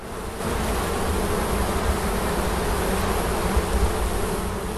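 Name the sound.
wild bees buzzing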